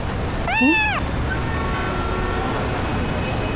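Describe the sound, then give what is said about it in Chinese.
A single clear cat meow, rising then falling in pitch and lasting about half a second, against a steady background hum with no other sounds following; a guest's cat at a hotel check-in desk. “先生，您的猫啦？”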